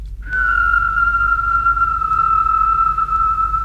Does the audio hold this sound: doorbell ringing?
no